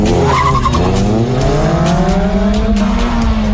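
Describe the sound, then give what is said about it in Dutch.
The engines of two Mazda MX-5 race cars roar continuously on the TT Circuit in Assen during Racing Day as tires squeal in a sustained skid, the pitch of the motors sliding up and down over a few seconds with no one talking. “Op het TT-circuit in Assen tijdens de Racing Day daar. 2 auto's uit de categorie Mazda MX-5 tegen elkaar.”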